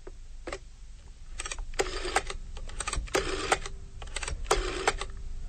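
A rotary telephone dial being turned and released several times as the number 111 is dialed, each spin followed by a burst of fast mechanical clicking and whirring of varying length, with short pauses between and no talking.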